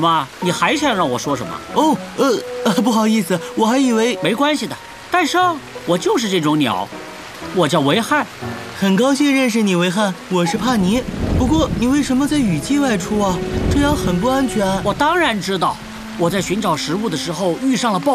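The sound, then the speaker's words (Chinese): A heavy rainstorm in the rainy season with rolling thunder, the deep rumble swelling loudly in the second half, while voices talk over the steady downpour. “我当然知道，我在寻找食物的时候遇上了暴风雨，我可真是太倒霉了。”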